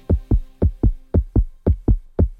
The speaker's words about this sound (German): Hör mal dieses Herzklopfen.